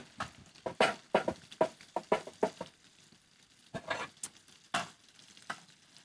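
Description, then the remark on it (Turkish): Spiced sauce, made with a little oil, garlic powder and allspice to go on top of a soup, bubbles and sizzles in a pan, throwing out quick irregular pops and crackling bursts in clusters, with a brief lull midway before the popping picks up again. No one speaks. “Güzelce orada bir fokurdatıyoruz.”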